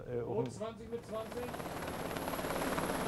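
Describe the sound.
An 11-tonne helicopter's rapid rotor chop builds into a loud, steady thudding roar as it approaches to land on the swaying steel deck of a ship during a federal police and armed forces exercise, preceded by a brief voice at the very start.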